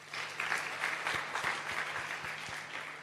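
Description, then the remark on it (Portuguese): A crowd applauds steadily at a question session with Papa Chapo, dense overlapping claps forming a continuous wash of sound at moderate volume, with a few sharper individual claps standing out, no speech over it. “Uma salva de palmas.”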